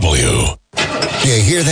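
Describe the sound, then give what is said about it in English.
A car engine cranks and sputters, struggling to start, with a rough grinding whir running loud beneath a man's speaking voice. “That's the sound of uncertainty when you see a check engine light or your car unexpectedly breaks down.”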